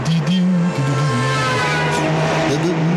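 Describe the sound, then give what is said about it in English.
A car right behind a person on a road, its engine roaring loudly with a drawn-out squealing, skidding edge, as if it were braking hard, lasting the full few seconds. “It's lucky you got good brakes, you little chip.”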